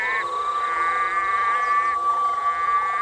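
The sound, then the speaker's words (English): A dense nighttime chorus of red-eyed green frogs calling to attract mates, their overlapping trills and croaks forming a continuous, loud wall of sound with no voices present. “Red-eyed green frogs spend an enormous amount of energy trying to attract a mate.”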